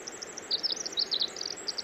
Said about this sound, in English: This is a bird called the winter wren. It may have been called this because its song heralds the end of the winter. In fact, they often sing when there's snow falling, when there's snow all over the ground. Listen to that elaborate, convoluted song.